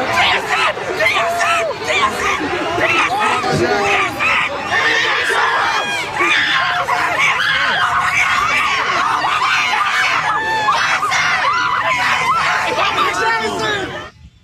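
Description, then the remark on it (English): A child screams excitedly at high pitch, loud and sustained, as a football player walks over, rising over a noisy crowd of cheering, chattering fans that stays dense for the whole stretch. “all of a sudden, here is this kid losing his mind when JSN walks over”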